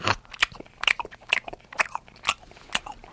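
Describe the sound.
A voice imitates a koala chewing eucalyptus leaves: about seven crisp, crunchy mouth bursts in a steady rhythm roughly every half second, moderately loud, with no talking.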